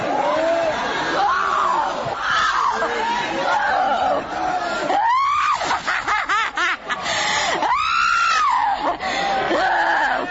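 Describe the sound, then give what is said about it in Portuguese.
A large crowd screams and shouts together at full volume, crying out to Jesus to cast out a demon, a dense, continuous roar of many voices with piercing high-pitched cries rising and falling throughout. “Vai gritando pra Jesus queimar ele.”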